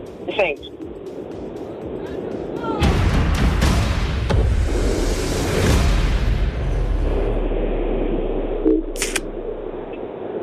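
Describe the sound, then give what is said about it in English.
A fourth drink can is cracked open with a sudden snap, followed by a few seconds of loud fizzing hiss, while muffled voices and background noise carry on around it. “Let's go for can number four.”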